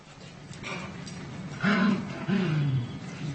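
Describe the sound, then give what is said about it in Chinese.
A dog gives a play growl in two rough, rising bursts against a steady background hiss, the second growl longer and sliding downward, fairly loud with no talking. “而奇力听到的却是玩耍时的咆哮声”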